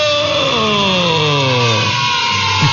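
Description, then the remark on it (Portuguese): A sewing machine, used to mend and patch clothes, runs with a loud, steady motorized whir, its buzzing tone gradually sliding lower in pitch as it slows, with no voices over it. “Que essa máquina que a vó tá usando é a famosíssima... máquina de costura.”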